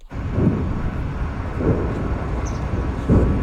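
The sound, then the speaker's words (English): Distant explosions rumble just south of Moscow after one of Ukraine's largest drone attacks of the war. Low, muffled booms come three times, roughly a second apart, rising out of a steady, dull background roar with no voices present. “Distant explosions rumble through the air just south of Moscow following one of Ukraine's largest drone attacks of the war.”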